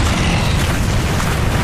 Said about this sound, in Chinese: 这是轰炸机的声音